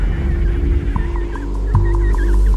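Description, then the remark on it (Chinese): An emperor penguin chick separated from its group calls so its parents can find it, in a rapid series of short, high, warbling whistles, repeating over a steady low rumble like wind, with no one talking. “为了和父母团聚，这只帝企鹅幼鸟发出了独特的叫声，父母可以循着叫声找到自己的孩子。”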